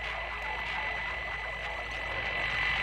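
A steady, dense wash of hissy electronic music with static-like texture and stereo panning effects plays at a constant loud level throughout, with no voices.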